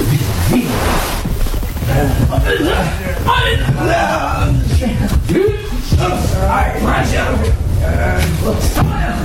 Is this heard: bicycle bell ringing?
no